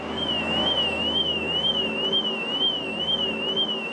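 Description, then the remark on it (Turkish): The anti-theft alarm of a car being loaded onto an air cargo platform wails continuously, a high electronic tone sweeping up and down in a fast, regular warble, with a low steady hum underneath and no voices. “Ama arabanın alarm sistemi işin sorunsuz yapılmasını engelliyor.”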